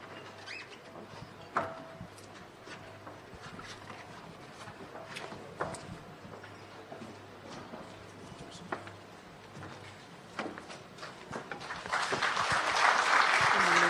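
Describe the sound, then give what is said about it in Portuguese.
Audience applause at the CITI 2026 international investment conference of Tete, in a conference room, as a souvenir is handed over: a steady crackle of many hands clapping swells into a louder, denser burst of clapping toward the end. “Mais forte essas salvas de palmas.”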